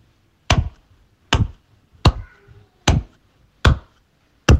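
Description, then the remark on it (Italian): Six sharp, crisp hand claps at a steady, unhurried pace, clapped as a demonstration during a phone call, each one loud and short with a quick decay, with no voices in between. “Fammi sentire tipo con un applauso.”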